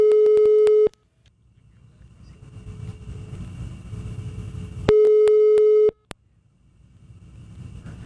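A phone line's ringing tone as a number is dialed again sounds twice, each a steady, loud, mid-pitched beep lasting about a second, spaced roughly four seconds apart, with a low rumbling background filling the gaps.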